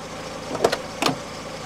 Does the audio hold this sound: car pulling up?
yes